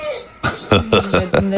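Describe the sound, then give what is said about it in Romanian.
A rooster in the mountains crows once, a loud, fairly low-pitched baritone call broken into several rising and falling harmonic syllables, heard on its own. “Asta e cocoșul despre care vorbeam ieri în ședință?”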